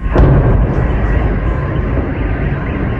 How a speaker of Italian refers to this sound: Per la seconda volta in pochi giorni i moscoviti si svegliano con il boato della raffineria Gazprom che esplode alle porte della città, le sirene dei soccorsi, il fumo nero che copre il cielo.